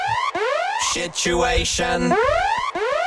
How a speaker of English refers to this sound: Because we've got a special alarm for it. Play the alarm again in all its glory. Okay, this is the alarm.